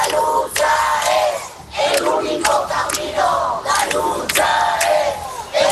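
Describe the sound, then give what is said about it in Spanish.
A large crowd at the Puerta del Sol protest camp chants loudly in rhythmic bursts, reacting to news of the death of an 87-year-old evicted woman, voices rising together in repeated shouted phrases with brief dips between them, continuous and energetic throughout. “así ha recibido la acampada de la Puerta del Sol la noticia de la muerte de Mari Carmen a los 87 años”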